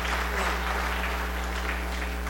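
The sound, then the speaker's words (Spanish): An audience claps steadily for members of the Mulivac community, a dense wash of overlapping hand claps at a constant level with no talking, over a low electrical hum. “Fuerte los aplausos a nuestros hermanos.”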